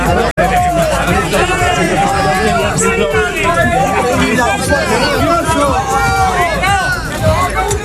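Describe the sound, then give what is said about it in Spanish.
A large crowd boos and jeers outside the theatre during the Día de Ceuta institutional celebration in Ceuta, a dense, loud wall of overlapping voices rising and falling continuously throughout, with no single speaker standing out. “Esto es lo que pasaba fuera del teatro. Esto era abucheos”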